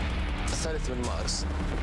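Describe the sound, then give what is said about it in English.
Gunfire crackles in a few sharp bursts over a constant rumbling background, with faint voices mixed into the noisy scene, at a protest on 3 March 1991. “You would have heard this crackle of gunfire.”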